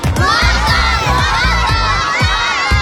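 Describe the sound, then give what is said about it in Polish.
A loud crowd of many high, youthful voices in a stand at a match shouts the team chant 'Kto? Mokra!' in unison, carried over a steady beat of heavy thumps roughly twice a second. “Teraz, chłopaki i dziewczyny, ci młodsi i ci starsi, chciałbym, żebyśmy wszyscy razem troszeczkę pokrzyczeli.”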